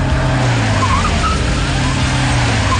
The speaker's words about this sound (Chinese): 几辆武警的卡车开过来停下，牵着警犬的武警战士们纷纷跳下车列队集合。